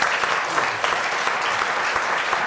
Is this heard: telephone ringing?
no